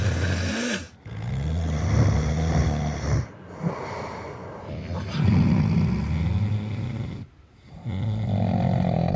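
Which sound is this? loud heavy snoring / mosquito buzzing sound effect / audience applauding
loud heavy snoring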